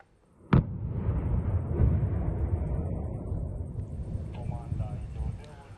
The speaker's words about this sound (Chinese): 罗马尼亚海军在巴拉运河的一侧实施受控爆炸，爆炸激起巨大的水花和烟尘。